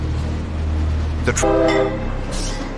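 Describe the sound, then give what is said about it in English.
The Amtrak Sunset Limited passenger train rumbles steadily at low pitch as it gets under way from Mobile, Alabama, on the last 750-mile leg of its trip to Miami, and partway through its horn sounds one short, loud, sustained blast before the engine noise carries on. “Then, the Sunset Limited started on the last leg of its trip, 750 miles to Miami.”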